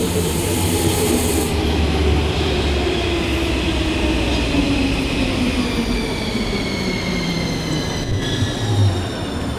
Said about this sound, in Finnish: Tuolta näyttää tulevan mun metro. Hypä sinäkin tähän samaan kyytiin,